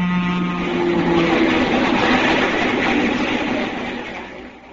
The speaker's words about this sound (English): As I ran out from under the bridge, I saw a train approaching, bound for New York. As it came abreast of me, I leapt onto it through the open door!